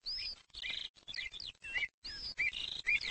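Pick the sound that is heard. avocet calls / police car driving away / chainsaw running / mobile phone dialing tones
avocet calls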